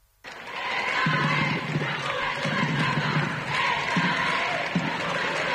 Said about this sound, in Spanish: Y de ahí en coche al Palacio Real, recibido en la distancia al grito de "Esta es la juventud de España y vivas al Papa, salva reales".